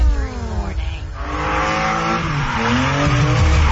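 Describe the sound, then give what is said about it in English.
NASCAR Canada race cars on the stadium circuit at Calabogie Motorsports Park roar past, their tires squealing and skidding in long sweeping pitch glides over a loud, continuous engine drone, with no pauses throughout. “Experience wall-to-wall racing, high-speed action, and non-stop excitement on their stadium circuit.”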